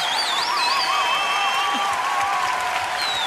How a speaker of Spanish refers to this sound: Señoras y señores, el mejor músico de este país. Un aplauso enorme para él, por favor.